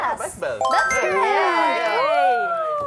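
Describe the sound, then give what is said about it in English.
Bicycle bells ring in a rapid, overlapping cluster of bright metallic dings that sustain and shimmer for a couple of seconds, loud, after a brief murmur of voices at the start. “Bike bells?”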